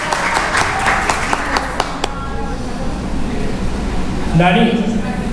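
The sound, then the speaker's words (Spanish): An audience applauds for themselves at the start of an event, a dense burst of clapping for about two seconds, then it thins out into murmuring, and a voice rises briefly near the end. “Un aplauso con toda la energía, muchachos.”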